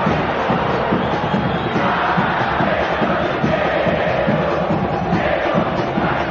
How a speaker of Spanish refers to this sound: Bueno, la barra canta para el domingo.